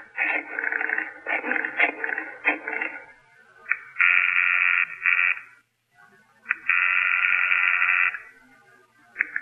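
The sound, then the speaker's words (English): A telephone being dialed, with a quick run of buzzy clicks and tones followed by two long, steady ringing tones separated by a short gap, with no talking. “I asked if I could use his phone.”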